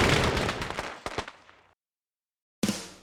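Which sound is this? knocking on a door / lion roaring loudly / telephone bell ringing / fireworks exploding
fireworks exploding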